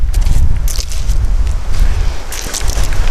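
Strong wind rumbles and buffets outdoors at a log cabin building site in North Karelia, Finland, a dense low roar with gusty surges, plus scattered rustling and crunching sounds like footsteps. No one speaks.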